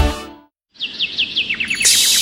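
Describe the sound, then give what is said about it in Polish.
A bird sings in summer in the garden of Brzoskwinie Ogród, about 15 kilometres from Kraków: a quick series of bright, high chirps, each note a short downward sweep, repeated about a dozen times over a soft, airy rustle of trees, with no talking. “Posłuchaj śpiewu ptaków, szumu drzew i naciesz oczy pełnią lata.”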